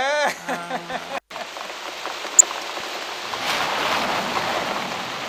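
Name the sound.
rain with rumbling thunder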